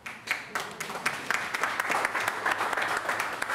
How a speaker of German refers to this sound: Applaus.